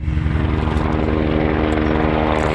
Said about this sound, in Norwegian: Et brannhelikopter pøser vann utover nasjonalparken Cairngorms.